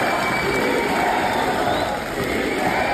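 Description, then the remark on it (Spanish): A large crowd of Fuerza Popular supporters with flags cheers and applauds the president-elect at her credentials ceremony at the Gran Teatro Nacional, in a steady, loud roar of many voices that holds for the whole stretch without a break. “Fuera, sus seguidores la esperaban con banderas de Fuerza Popular y una gran ovación que continuaba al interior del acto oficial.”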